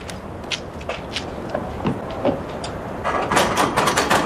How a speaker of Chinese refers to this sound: 敲门去